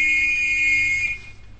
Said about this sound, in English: Here, hold this whistle and play that note.